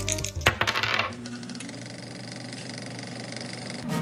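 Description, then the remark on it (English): A quick rattling clatter of dice tumbling across a hard surface for about a second, followed by a steady low hum with no talking. “Roll some dice, make some memories.”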